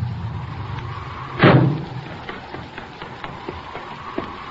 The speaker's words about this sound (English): Hey, listen. Here comes a car.